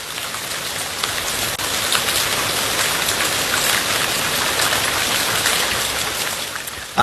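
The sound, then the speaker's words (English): Steady falling rain, a dense continuous hiss of drops pattering on a surface, fairly loud throughout, much like water streaming from a rain shower head. “I know what this sound is or what it's supposed to be, so, but it does sound like I'm in the shower right now. If you have one of those fancy rain shower.”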